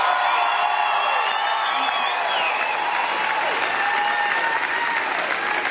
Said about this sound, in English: The iconic Australian comedian receiving a standing ovation from the crowd as she appeared in character as Sharon Strzelecki.